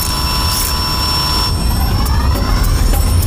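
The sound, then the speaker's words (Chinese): A toy drone, transformed from an exploration vehicle, has motors that whir into a steady, high-pitched electric whine over a loud rushing hiss, the pitch shifting and climbing partway through as it lifts off and flies by. “让你看看我的真本事，探索车变形，上天吧无人机，咱不蒸馒头争口气。”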